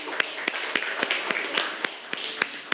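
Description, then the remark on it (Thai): A group of students in a class claps together for a classmates' group after its presentation, in a steady, dense wash of applause, with a few sharper individual claps standing out in a loose rhythm over about three seconds. “ก็คือใช้ช้างเป็นตัวมาเลยแล้วก็เปลี่ยนแค่ตัวหางนะครับปรบมือให้เพื่อนหน่อย”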